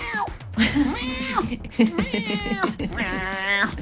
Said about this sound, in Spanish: Por ahí puede ser que le haya pisado la cola, así que me fíjese. Me están matando ese gato. No. Fíjese si no es que le han pisado la cola al gato